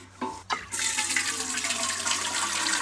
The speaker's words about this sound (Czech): Tak vem konev a jdem to ještě dozalívat.